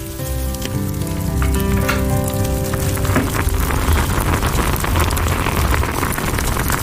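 Freshly dug Huangnigong bamboo shoots and home-cured salted pork sizzle in a pan over low heat in Heshang Town, a steady, loud, crackling hiss that runs throughout, with a soft sustained tone underneath during the first few seconds before it fades.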